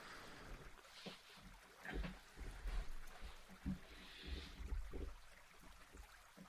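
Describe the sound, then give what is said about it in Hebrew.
Water flows steadily with a broad, continuous rush and scattered splashy surges, like a stream running over rocks, played as background sound for a meditation, with no voices. “עושת המים, מים זורמים, נחל.”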